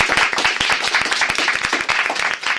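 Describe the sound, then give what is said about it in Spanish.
A group of schoolchildren applauding, with many hands clapping in a dense, steady burst that stays fairly loud throughout, with no voices over it. “¿por qué no damos un aplauso para saludar también a la audiencia de La Opinión en Radio Pontevedra y Radio Arousa?”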